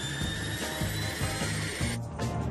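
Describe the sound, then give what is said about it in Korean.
Children imitating an airplane engine starting up in a pretend airplane game: a loud, steady whirring drone with a rhythmic low chugging pulse about twice a second, continuing for the whole stretch. “그럼 엔진 켜고”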